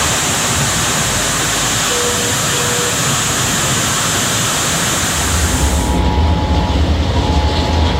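A loud, steady roar of rushing floodwater pours through a street in Sibiu without pause, after the sewers could not cope with heavy rain that fell in a short time; its churning deepens and grows heavier toward the end. No voices can be heard.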